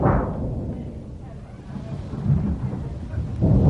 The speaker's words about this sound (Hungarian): A föld remeg, dörög veszettül, széltében hosszában villámlik